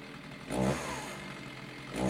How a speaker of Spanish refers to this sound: Partió el tiro de la motosierra ahí.